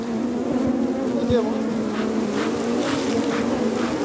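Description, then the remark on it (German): A dense swarm of bees at beehives drones steadily and loudly, a continuous buzzing hum with flickers of individual insects passing by, no voices present. “Also wenn ich mir vorstelle, dass Menschen das ohne diese Schutzanzüge machen, nur mit Feuer als Abwehr von diesen Bienen.”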